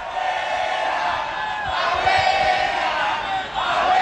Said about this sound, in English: What they're yelling at her is abuela, abuela, abuela, which means grandmother in Spanish. So they put a Panama scarf on her.